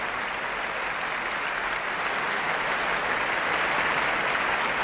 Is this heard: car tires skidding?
no